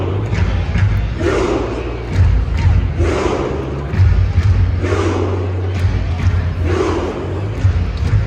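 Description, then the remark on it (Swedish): A big arena crowd chants 'ro' in unison, roughly once every second and a half, each call landing with a deep drumbeat under a steady low rumble of noise. It is Norway's hit chant in which everyone sits one behind another. “Många undrar nu om Norges succéramsa där alla sätter sig bakom varann. Jag tror alla sett det, men ropar ro till tonen av trumslag.”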